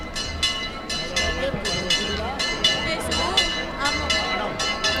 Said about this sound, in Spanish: Se escucha las campanas y la gente, sí. Sí, mira, vemos a la gente de Almonte, que son los que tienen el privilegio de llevar a la Virgen.